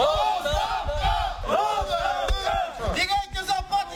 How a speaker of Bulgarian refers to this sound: Думите му бяха посрещнати с недоволство и те започнаха да викат.